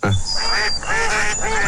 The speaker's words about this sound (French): Ah, attendez, on va remettre les canards, mais dans un enclos carré.